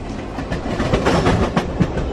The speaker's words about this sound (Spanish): Y como oyen, nuestras amigas van en un largo viaje en tren.